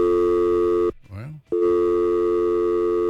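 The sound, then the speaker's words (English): A loud, steady telephone busy signal drones over a radio call-in line on a new phone system, cut off for half a second by a brief snatch of a voice before the tone resumes and continues unbroken. “Phones got all loaded up there all of a sudden. Like I said, just still getting used to our new phone system here this morning.”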